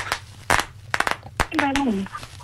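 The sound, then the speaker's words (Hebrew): A quick, irregular string of sharp, snappy pops from bang snaps thrown onto a hard surface, fairly loud, with a brief voice calling out partway through. “פספסים. יפה.”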